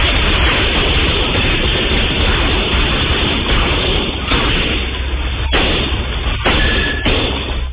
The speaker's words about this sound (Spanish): La situación derivó en una intensa balacera en plena vía pública, en un sector con alta afluencia de personas y locales comerciales.